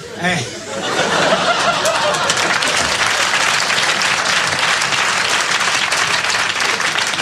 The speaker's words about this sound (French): Applaudissez les conneries, on n'a pas fini.